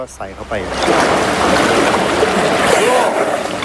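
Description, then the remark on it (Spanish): A voice speaks briefly, then an elephant splashes and plays in deep water, using its trunk, a steady loud sloshing that continues without a break to the end. “Le gusta jugar en lo profundo. Otros beben allí con la boca, pero Gai Na usa la trompa.”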